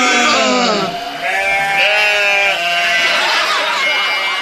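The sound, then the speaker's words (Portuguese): Sheep bleat loudly and continuously, several quavering, nasal cries overlapping one another across the whole stretch, each wavering in pitch before the next one takes over. “Vamos todos ser carneiros.”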